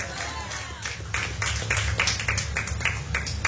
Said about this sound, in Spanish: Dale una ofrenda de palmas.